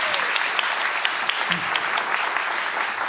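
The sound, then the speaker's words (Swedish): A nearly full audience in the auditorium at Kulturhuset claps steadily to welcome Ekot's China reporter Hanna Sahlberg, a dense wash of hand claps at fairly even loudness that continues throughout without any talking over it. “En applåd.”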